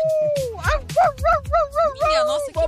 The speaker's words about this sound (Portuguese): É, acho que é fome esse cachorro. Esse cachorro é fome.